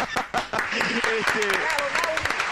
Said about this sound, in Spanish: Se ríen los chanchos y este es el aplauso